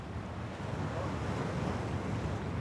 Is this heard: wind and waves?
yes